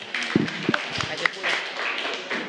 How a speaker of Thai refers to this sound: ขอเสียงปรบมือให้กับวริศด้วยค่ะ